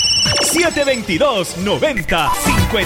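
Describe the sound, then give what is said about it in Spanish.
A telephone rings steadily with a high, sustained electronic tone for an incoming call to the program's phone, while a man talks over it. “que está por ahí ya comunicándose a nuestro teléfono.”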